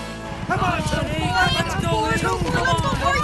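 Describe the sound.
Harness racing horses gallop hard at Hiawatha Horse Park with a rapid, drumming beat of hooves toward a photo finish, while a dense crowd shouts and cheers loudly over them, voices overlapping throughout.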